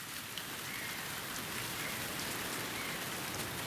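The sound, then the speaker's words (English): Steady rain pours down on former airport premises in a dense, even hiss, with scattered drops pattering on a surface; the sound stays constant throughout with no voices. “Rain means red alert for the lapwings on the former airport premises too.”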